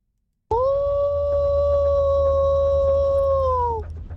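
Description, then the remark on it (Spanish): A person lets out a single long, excited yell that sounds like a wolf howl, holding a steady pitch for about three seconds before dipping at the end, loud over a low background rumble. “Ahí, ese como que parece un lobo, ¿verdad?”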